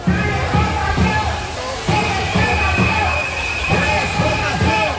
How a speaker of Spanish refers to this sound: Escuchábamos los gritos y las reivindicaciones que mes tras mes se han repetido desde finales del año pasado en las movilizaciones de los médicos. También aquí en Almería esas voces suenan hoy especialmente frustradas.